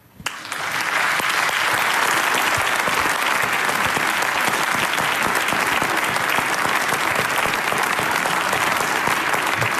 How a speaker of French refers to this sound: Il est avec nous ce matin. Mesdames et messieurs, je vous demande d'accueillir et d'applaudir très fort